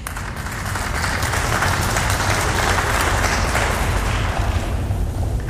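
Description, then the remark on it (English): Sustained applause from an audience, a dense wash of many hands clapping at steady loudness for several seconds with no voices over it. “I hope that those of you who didn't clap also agree.”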